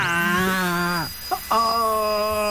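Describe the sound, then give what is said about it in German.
A dental drill whines steadily, cuts out for about half a second with a brief sputter, then starts whining again at full strength. “Okay, dann würde ich sagen, doch lieber hämmern statt bohren, oder?”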